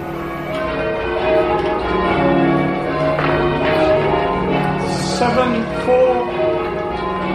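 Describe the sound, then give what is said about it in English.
Church bells in Salisbury, Wiltshire, England, rung by locals, peal continuously, a dense overlapping wash of ringing tones with steady loud strikes throughout, no voices, resonant. “Oh, how can locals love to ring those bells?”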